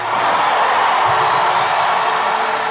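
A large church audience applauds the King (God) and gives a shout of victory. It is a loud, dense wash of clapping and cheering that stays steady for the whole moment, with no individual voice standing out.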